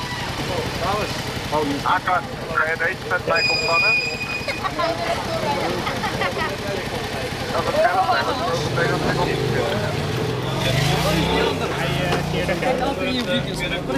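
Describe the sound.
Street traffic rumbles at an intersection in Amsterdam-West, Netherlands, during an afternoon police traffic check stopping fatbike riders, with engines idling and a vehicle pulling past near the end, while several people talk over the steady background noise.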